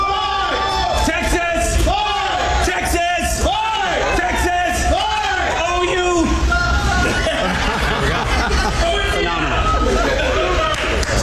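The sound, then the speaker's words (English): A large crowd at the Texas state fair roars and shouts in unison in response to a cue of "Texas!". A burst of loud whooping and yelling rises in rhythmic waves for several seconds, then settles into a dense, steady hubbub of cheering voices. “I'll give you the cue. You give me a response.”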